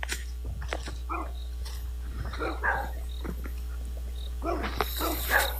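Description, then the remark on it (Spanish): Dogs guarding a bodega (storehouse) bark and growl in short bursts, with low rumbling growls between sharper barks against a steady low background hum. “Oye, ¿y en esa cabaña ahí no hay gente o esos perros de quién son? Los perros son de la bodega.”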